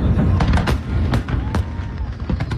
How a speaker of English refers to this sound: After the president's speech, the crowds retreated to what was billed as the biggest fireworks show ever, with 850,000 shells being blasted from 10 locations all over the city.